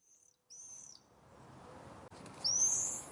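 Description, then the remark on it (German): Shrill, high-pitched screaming calls of common swifts: a faint short one, a longer scream, then a louder drawn-out scream at the end, all over a steady rushing background noise. “Ja, so viel zu den Mauerseglern.”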